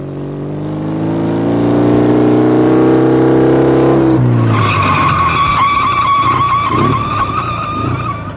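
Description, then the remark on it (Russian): A motorcycle engine drones steadily for a few seconds, then the brakes bite and the tyres let out a long, loud screeching skid as it slows to a stop. “Почему ты затормозил, Карл?”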